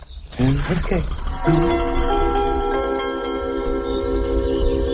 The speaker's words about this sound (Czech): Hele, zvoneček.